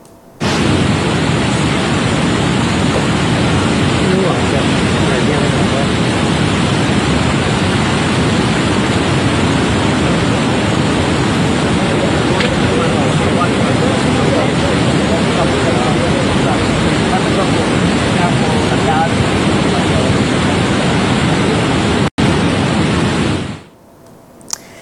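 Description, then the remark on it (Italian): The Lavagna torrent at San Colombano Certenoli, flooded after over 60 mm of rain in an hour during a weather alert, rushes in a loud, unbroken roar of churning water, a dense steady wash of noise that holds for over twenty seconds before abruptly cutting off. “perché appunto vediamo il torrente Lavagna e quello che è accaduto”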